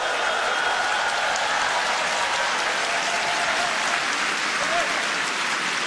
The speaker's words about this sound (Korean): 네, 희망찬 무대를 선사해준 극동방송 연합 어린이 합창단을 향해 여러분 다시 한번 뜨거운 격려의 박수 보내주시면 좋겠습니다.